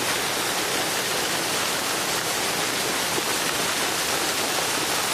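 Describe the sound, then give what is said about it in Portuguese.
A steady, dense rush of water falling from above at a waterfall roars without pause, loud, a continuous hiss that fills the whole clip with no voices. “Isso é uma cachoeira.”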